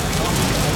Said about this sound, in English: That's the sound of traditionally matured, rich, smoky and spiced pepperoni sizzling away, taking pride of place on a Papa John's pizza.